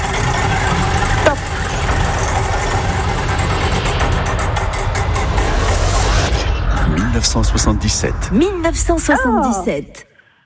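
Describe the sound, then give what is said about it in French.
The 'roue du temps' prize wheel of a radio game spins, for a caller to win a white vintage portable FM radio, with a rapid run of ticks that gradually slow and spread apart, heard over a dense wash of loud noise, with swooping tones rising near the end before everything cuts off. “Je lance la roue du temps”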